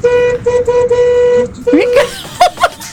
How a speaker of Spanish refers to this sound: Hay gente tocando bocina por la calle, escucha, escucha. Me encanta. Casi arranco los bocinazos y todavía no arrancó el mundial.